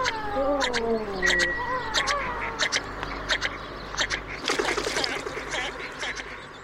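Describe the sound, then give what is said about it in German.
Harsh, repeated bird calls ring out, starting with wavering descending cries, then a string of sharp clipped notes and a louder raspy burst, over a low background hum with no talking. “Vogel der Woche.”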